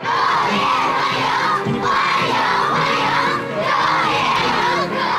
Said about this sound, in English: A crowd of schoolchildren cheer as Vladimir Putin arrives at the Great Hall of the People.